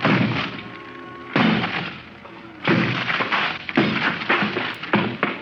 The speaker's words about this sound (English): Four smashes and three torn ligaments later, the thin door collapsed over the desk, blocking it.